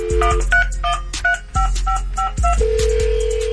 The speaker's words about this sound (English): If you out there listening, your phone about to ring.